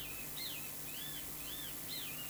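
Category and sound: bird, great kiskadee calling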